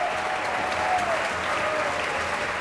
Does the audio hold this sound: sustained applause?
yes